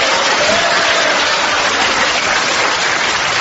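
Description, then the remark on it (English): An audience claps in a steady, dense burst of applause that holds at a fairly loud level for a few seconds, with no one speaking over it. “The next day, I rose with my manservant, Grimbling, whom I mentioned only to get a cheap round of applause.”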